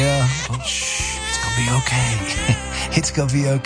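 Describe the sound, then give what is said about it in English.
An infant cries loudly at night in strained, wailing bursts while an adult voice speaks softly and soothingly over the crying. “we are talking about infant sleep today with doula …”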